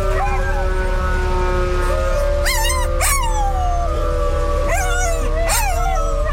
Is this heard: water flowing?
no